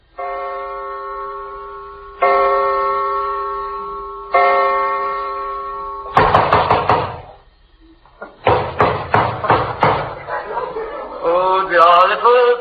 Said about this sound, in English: Have you ever been awakened in the middle of the night by some character pounding at the door and hiccuping with a British accent? Well, I have.